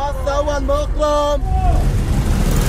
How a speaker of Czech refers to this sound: Takhle řidiči vykřikují své destinace a potenciální cestující tak má zrak uvolněný k hlídání, aby ho nepřejelo auto nebo osel, a k vyhledání spoje mu tak stačí jen dobře nastražené uši.